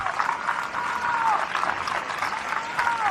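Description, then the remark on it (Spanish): Sustained applause from a sizable audience at an event in Madrid, cheering people who traveled from outside the city: a dense steady wash of clapping that holds for several seconds, with faint cheers or whistles rising over it. “Así que un aplauso para toda la gente que ya pegó una paliza en carretera, en el tren, y que venir desde fuera de Madrid.”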